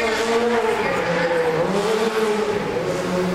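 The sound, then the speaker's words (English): The engine of a specially designed stunt car roars loudly and steadily as it is driven onto a film set, its pitch rising and falling as it revs and moves, with a hint of tire noise and a murmur of voices in the background. “Guys, can we get the hero car to set, please? Hero car to set.”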